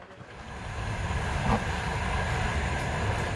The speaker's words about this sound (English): This train goes from the westernmost town of Lviv to as far east as it is possible and safe for it to go right now